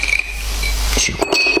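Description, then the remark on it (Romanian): Ice cubes clink into a glass of whisky, a few bright, ringing knocks landing in quick succession near the end after a soft background hum. “Și cu gheață.”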